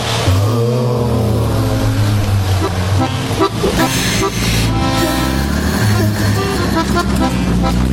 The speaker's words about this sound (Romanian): Ați auzit? E mașina salubrității și buldozerele.